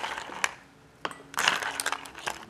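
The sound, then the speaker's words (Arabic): Ice cubes clatter into a cup while iced Nescafé is being made: a couple of sharp single clinks, then a bright, rattling cluster of knocks as several cubes tumble in together, with a final light tap. “شوية تلج”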